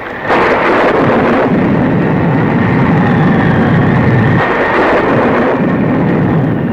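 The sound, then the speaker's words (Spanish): A loud, continuous thunderstorm over a jungle with blinding lightning, heavy rain lashing down and hurricane-force gusting wind, deep rumbles swelling beneath a steady dense roar, enveloping throughout with no voices. “El cielo se iluminaba con relámpagos cegadores y la lluvia azotaba la selva con viento huracanado.”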